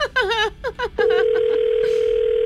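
A phone line rings on an outgoing call from a radio morning show: after a second of brief voices, a loud, steady electronic ringing tone sounds continuously to the end.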